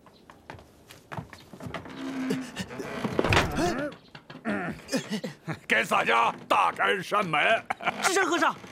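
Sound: door being shut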